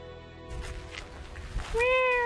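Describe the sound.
A voice imitates a cat's meow to call stray cats at a botanical garden: a steady, drawn-out tone, a stretch of rustling noise, then a louder rising meow near the end, clear.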